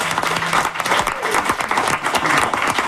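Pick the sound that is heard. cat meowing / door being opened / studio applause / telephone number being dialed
studio applause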